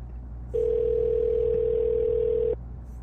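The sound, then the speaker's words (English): A single steady telephone ringing tone sounds for about two seconds, a clear, even electronic hum that starts and stops abruptly, with quiet background and no talking. “Can't just not answer the phone.”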